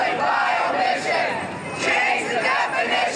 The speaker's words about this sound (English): Within 3 weeks, she breaks her parole by taking a bus to Washington, D.C. to join a massive protest organized by ACT UP.